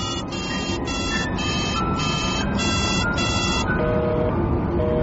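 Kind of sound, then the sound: signal or alarm, telephone busy signal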